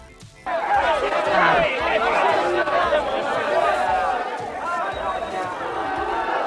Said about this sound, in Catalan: Podem escoltar el tall dels crits contra Vox?